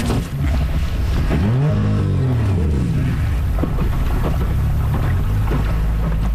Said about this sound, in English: There is a sound of archaeologists heading out by boat to Doublemere Point near Rigolet.